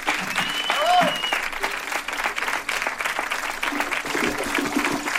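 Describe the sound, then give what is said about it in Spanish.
A concert crowd applauds the band steadily for about five seconds, dense rapid clapping at an even loudness, with a brief high whistle near the start and some cheering voices mixed in. “Gracias a la banda, un aplauso”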